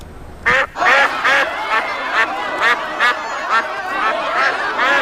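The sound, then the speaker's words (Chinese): Ducks on someone's vehicle, local Qingshui ducks being sold, quack in a steady, overlapping chorus, with about ten raspy calls in five seconds over a constant low background hum. “姐，我知道你在驻村，在带消费产品，我买一只你车上鸭子得不得？好久没吃到老家的清水鸭了。”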